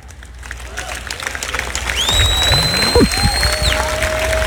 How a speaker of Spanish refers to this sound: Ese aplauso comenzó medio débil.